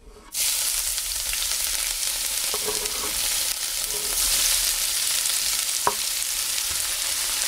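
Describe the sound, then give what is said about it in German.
Two chopped leek stalks hit hot olive oil in a pan on the stove with a sudden loud hiss, then a steady crackling sizzle continues, with a few soft stirring scrapes and pops; no one speaks. “Und jetzt kommt der Porree in das heiße Olivenöl.”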